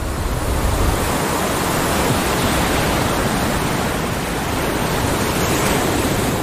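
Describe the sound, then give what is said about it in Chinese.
Ocean waves break on a beach on a remote coastline of Costa Rica in a steady, dense roar of surf that stays loud and even throughout, with no distinct pauses between waves and no voices. “但这个海滩却是例外。”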